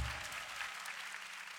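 A steady wash of audience clapping fills the moment, dense and continuous, with many hands patting at once at a moderate, even loudness and no voices on top.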